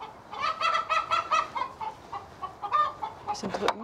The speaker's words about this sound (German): Das Gegacker ist groß. Die Jagd geht voran.